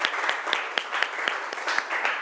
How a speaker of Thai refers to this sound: ปรบมือดังๆให้ตัวแทนจากกลุ่มที่5